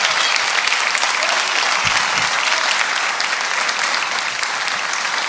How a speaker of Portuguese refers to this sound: Palmas para Jesus.